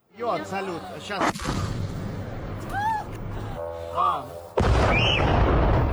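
A sharp, loud explosion cuts through shouting voices during a Ukrainian military drone attack on the Russian city of Belgorod, then a second heavy blast erupts into a sustained roaring rumble. A brief high whistling tone rises between the two blasts.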